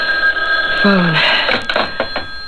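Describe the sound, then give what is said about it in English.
A telephone rings at 10 o'clock, waking someone who was asleep, with a steady, high electronic tone that holds throughout, while a brief low vocal sound and a few soft rustling knocks occur. “I was asleep when the phone rang.”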